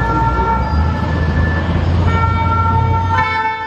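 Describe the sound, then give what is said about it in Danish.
Loud, sustained tonal blaring of emergency vehicle sirens and horns fills a street in France during student protests, with cars being set on fire, steady and layered over a low rumble of traffic, with a sharper tone rising near the end. “Der er sirener og tumult i gaderne, fordi ja, der er blandt andet biler, der sættes i brand.”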